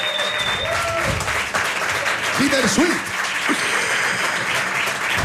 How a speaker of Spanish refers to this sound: Un aplauso fuerte